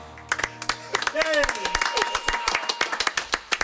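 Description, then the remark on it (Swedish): Someone slapping a ketchup bottle: a quick string of sharp, hollow smacks in an uneven rhythm, with a brief voice-like sound rising over them partway through. “Och så visar sig att det är någon som slår i ketchupflaskan.”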